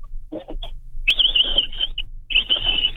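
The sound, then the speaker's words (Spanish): A person imitates a capybara call with high, squeaky, whistle-like throat sounds in two long wavering stretches, preceded by a few short breathy bursts. No words are spoken. “Sí, es que los capibaras en Tecámac así suenan.”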